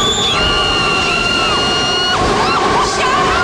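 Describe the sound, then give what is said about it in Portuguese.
A steady, loud roar of strong ocean waves crashing on a beach as the wind picks up, with high-pitched voices or cries rising and sliding over the surf. “As ondas estão ficando muito fortes.”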